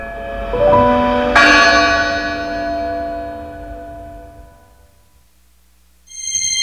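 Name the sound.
church bell ringing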